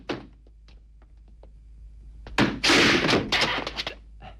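A heavy thud opens, followed by a few faint knocks, then a loud, rough burst of scraping and rumbling noise from about 2.4 seconds, like a big door being forced and swung open.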